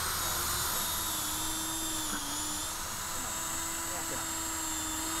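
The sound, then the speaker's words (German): A power drill bores holes in wood for a bee hotel, its motor giving a continuous high-pitched whine over a constant grinding hum, with no pauses for the whole stretch. “Verschiedene Größen machen wir jetzt dann. 6, 8 und dann habe ich noch einen 4er-Bohrer, dass wir dann nachher, wenn wir eine gebohrt haben, dass wir dann nochmal umstellen.”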